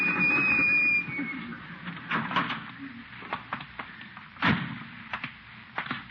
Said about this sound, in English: Slammed the door on my tail. Didn't even feel it.